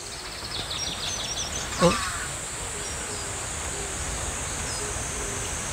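Faint, thin chirps of young fledgling birds that have just left the nest come and go over a steady hiss of outdoor background noise, with one brief louder call early on.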